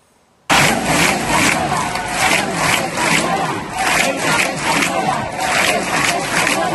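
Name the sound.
protest crowd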